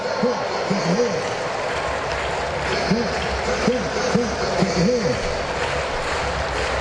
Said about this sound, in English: Crowd getting behind Baldwin.